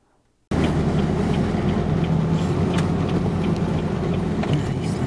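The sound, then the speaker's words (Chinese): A heavy military truck loaded with disaster-relief supplies rumbles loudly as it drives over a rough road damaged by earthquakes and heavy rain, heading into the disaster area on Mindanao, Philippines. There are scattered rattles and clunks. The sound starts abruptly after a brief quiet moment, then continues steadily. “军用卡车装载赈灾物资深入灾区，沿途道路受损崎岖”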